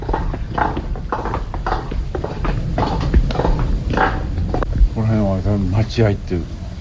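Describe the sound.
A guide's wooden geta sandals clack along a dark narrow alley lined with traditional houses at night in the Shinjuku district, in a steady walking rhythm, each step a sharp, hollow knock, with a voice briefly talking over the final few steps.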